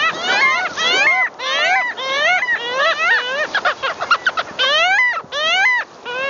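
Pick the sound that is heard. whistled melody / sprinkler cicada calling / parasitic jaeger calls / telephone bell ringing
parasitic jaeger calls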